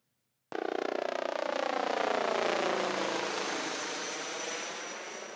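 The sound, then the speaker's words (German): The rescue helicopter Christoph 12 roars loudly, a steady droning engine and rotor noise whose tones slowly sink in pitch as it returns to its base from its third mission of the day, with no voices present. “Es ist heute schon der dritte Einsatz, von dem Christoph 12 zum Stützpunkt zurückkehrt.”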